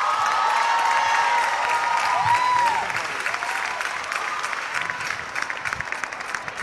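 A large stadium crowd applauds Alexia steadily in a dense, continuous roar of clapping, with a sustained high whistle or cheer over the first few seconds before the clapping carries on alone.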